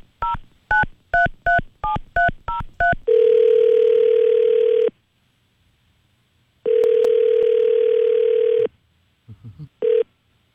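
A quick run of seven touch-tone keypad beeps as radio station 104.7 The GOAT places a call, then the phone ringing out at the other end: two long, steady ring tones separated by a pause, heard clearly with no talking.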